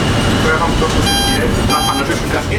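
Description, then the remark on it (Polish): A tram reversing at the MPK depot in Kraków's Podgórze, driven from the rear control desk, sounds its reversing warning twice: two loud, buzzy electronic tones, the first about half a second long and the second shorter, over steady rumbling vehicle noise. “I on będzie wykonywał manewr cofania.”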